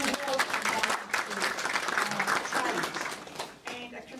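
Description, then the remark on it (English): An audience claps steadily for about four seconds, a dense, even patter of many hands that stays loud before briefly thinning and swelling again near the end. “I'll just have to jump in and say, we had a lovely gift in the May budget of $85.3 million, so I think that deserves applause.”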